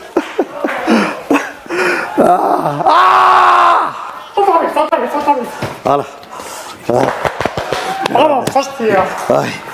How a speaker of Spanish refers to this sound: Lo que escucharon en W Radio, pues, después de los festejos y que le gana el llanto a Tomás Roncero, fue la redacción de AS.